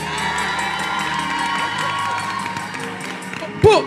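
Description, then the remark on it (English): A crowd cheers and claps steadily for several seconds for a couple, with the contest judged by decibels: a dense wash of shouts and applause, ending with a single loud whoop. “Round of applause for Delton and Julie.”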